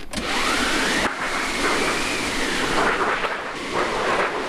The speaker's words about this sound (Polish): Jest efekt? Jest. To, co tutaj widzimy, jest to maszyna do wiatrów i grzmotownik tak zwany. One zostały zrobione do poprzedniej balladyny.